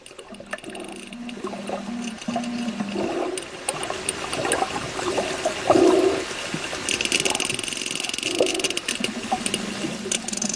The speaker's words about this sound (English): Well, let's stay with some sounds. You mentioned whales. Here's a little bit of sound of a sperm whale.